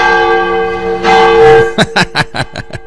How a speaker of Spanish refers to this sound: Ya está mi tío Leno sonando la campana.